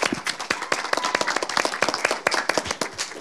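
An audience applauds a person for sharing her story with them. Many hands clap in a dense, continuous patter at a fast, irregular rhythm, steady and fairly loud throughout with no voices.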